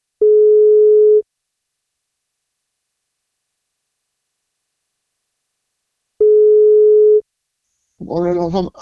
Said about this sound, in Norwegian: Men for at han skal få kake, så må han ta telefonen. Så da prøver vi å ringe